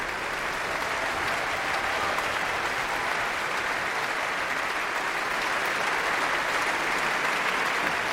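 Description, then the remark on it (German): A concert audience in the Berliner Philharmonie applauds the Deutsches Sinfonieorchester Berlin (DSO), conducted by Finnish conductor Eva Ollikainen, and its individual instrument sections, with steady, sustained clapping that holds at an even level throughout, a dense wash of many hands with no talking over it. “Während hier noch weiter applaudiert wird für das Orchester und die einzelnen Instrumentalgruppen, darf ich mich nach diesem programmatisch starken Abend in der Berliner Philharmonie verabschieden für heute.”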